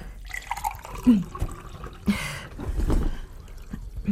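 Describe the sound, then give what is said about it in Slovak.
Water is poured into a glass, a short gurgling trickle with a brief splashy burst midway and a few light drips around it, with no talking. “Chcete vodu?”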